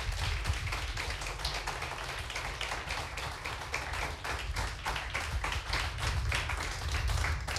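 Steady applause from an audience as performers are called back onto the stage for a vote, a dense wash of many hands clapping at once, sustained without pause and fairly loud throughout, with no voices standing out.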